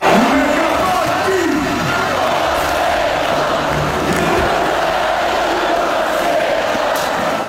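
A huge crowd filling a town square in Croatia roars continuously as it welcomes home its team, a dense wall of cheering and shouting voices with some rising chant-like swells, loud and sustained throughout with no single voice standing out.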